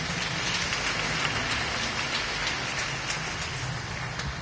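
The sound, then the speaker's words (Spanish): An audience applauding: dense, steady clapping that blurs into a continuous crackling roar, holding at an even loudness throughout, with no voices standing out. “Déjanos un fuerte aplauso, ve como Dios.”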